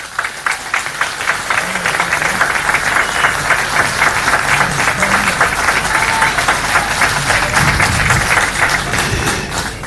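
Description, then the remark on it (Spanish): A crowd applauds as mayor Johnny Viraino is invited onto the stage, many hands clapping in a dense, even patter that stays loud and sustained for about ten seconds, with faint voices beneath. “Un aplauso e invito a este escenario al alcalde Johnny Viraino.”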